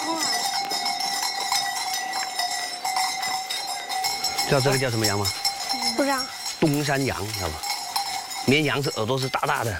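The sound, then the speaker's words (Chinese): Dongshan goats on a hillside family farm that raises poultry and corn bleat several times in quick succession. Their fairly loud, wavering cries start midway through, over a steady ringing background of bell-like tones. “家住在半山腰，以养殖家禽和种玉米为主，其中养的最多的，当属喜欢攀高山的山羊。”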